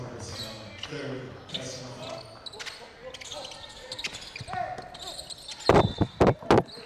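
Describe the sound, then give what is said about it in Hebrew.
A basketball thumps hard against a microphone three times in quick, uneven succession near the end, loud and booming, after several seconds of murmuring crowd noise and faint voices, during a close Israel vs Greece basketball game. “כדור פוגע במיקרופון.”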